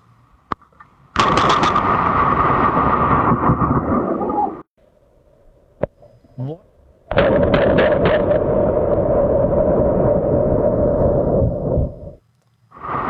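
Two violent thunder cracks from lightning strikes, each exploding suddenly and roaring for several seconds before cutting off, with a quiet gap between them and no voices.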